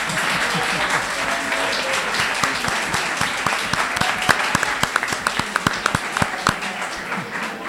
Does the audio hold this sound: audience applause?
yes